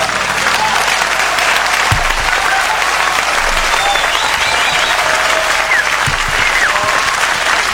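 Loud, sustained applause from a large audience at a military parade fills the whole stretch, a dense wash of clapping hands that neither rises nor fades, with faint crowd murmur beneath it.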